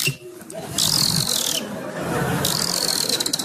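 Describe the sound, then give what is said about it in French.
A voice imitates a dolphin with two shrill, squeaky bursts of chattering whistles, the second slightly longer, loud over a steady background murmur. “Est-ce que tu veux que j'imite le dauphin ?”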